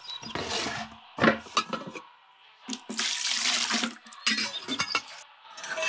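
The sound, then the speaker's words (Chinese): Water pours from a tap into a kettle to be boiled, in several hissing bursts, broken by short pauses and the clatter and clunk of the vessel being handled. No one speaks. “暖壶没水了，我烧水。”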